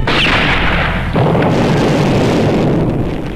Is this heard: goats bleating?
no